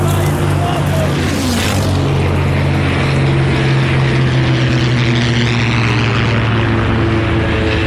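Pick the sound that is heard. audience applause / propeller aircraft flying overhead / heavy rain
propeller aircraft flying overhead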